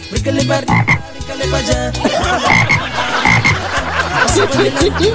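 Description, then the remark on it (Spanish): Loud toad croaking goes on without a break, with rapid overlapping croaks piling up into a dense, rhythmic chorus. No one speaks. “¡Se me soltó el sapo!”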